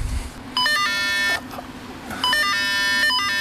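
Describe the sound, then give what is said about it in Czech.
Two sustained electronic tones from a ticket scanner as cable car tickets are scanned, each close to a second long, with a short gap between them, along with a ringing bell; clear and fairly loud over faint background noise at a cable car station. “Ivana nám rozdává vstupenky na lanovku, zvonek cinká, my si pípneme.”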